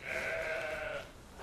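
A single sustained sheep bleat, wavering and nasal with strong harmonics, lasting about a second before trailing off into quiet background noise.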